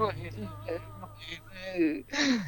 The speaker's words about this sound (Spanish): Así, la verdad, estoy llorando.